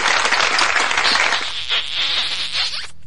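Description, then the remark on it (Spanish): A burst of dense, crackling applause during a live Sunday radio broadcast, many hands clapping at once, holding steady and fairly loud for nearly three seconds before cutting off abruptly. No voices are heard. “Aplausos por favor a todos ellos, unos torpedos también.”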